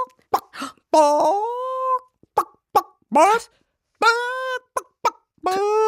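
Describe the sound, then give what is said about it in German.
A person imitates a clucking hen as an example of a courage scream, alternating short sharp clucks with drawn-out, wavering squawks in an uneven rhythm, loud, with no other talk. “Dafür, this week, we have trainiert the Gackern of a Huhn.”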